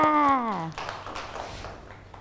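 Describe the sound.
A woman's voice falls away, then a group of children clap together, producing a steady, moderately loud patter of quick overlapping claps for about a second and a half.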